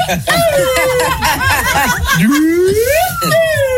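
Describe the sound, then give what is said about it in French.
A small toy pipe whistle, a little flute (pipeau), plays a thin, wavering tone that dips and then slides upward, fairly loud over people talking and chuckling. “Mec, c'est une flûte, ça. Ah oui, c'est un petit pipeau, là.”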